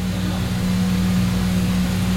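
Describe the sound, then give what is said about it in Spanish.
A steady electric fan drones on its own on a hot day, a constant low hum with a faint tonal whine and an even wash of airy noise that never changes in level. “Si escucháis un ruido de fondo, es el ventilador, porque hace mucha calor.”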